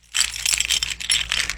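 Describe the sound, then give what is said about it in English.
A bright metallic jingling and rattling of a ring of keys being taken out and shaken before unlocking a treasure chest, continuous for a second or two with no talking. “So let me get my keys out.”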